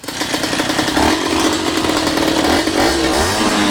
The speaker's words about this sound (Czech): Ne, u krivu si, to je interpretacija jednog umjetnika. Aha, interpretacija jednog umjetnika. Ok, ne. Evo kako umjetnik je mislio da je zvučao T-Rex.